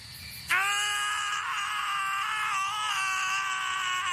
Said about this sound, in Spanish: Sí, ahí están gritando nuestro par de protagonistas